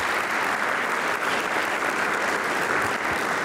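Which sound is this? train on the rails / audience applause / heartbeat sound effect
audience applause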